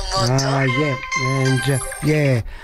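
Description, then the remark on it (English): A telephone rings with a warbling, melodic tone in three or four sliding bursts, loud, with no one speaking over it. “Phones. Amazing. That's the second time in a row, isn't it?”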